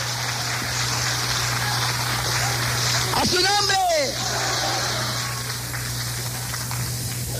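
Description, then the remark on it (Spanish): A crowd gives applause to the Lord in the evening, clapping in a dense, steady wash for several seconds while one voice shouts out loudly over it midway, with a low constant hum running underneath. “¡Dé un aplauso al Señor esta noche!”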